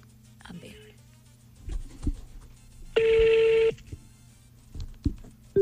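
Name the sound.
telephone being dialed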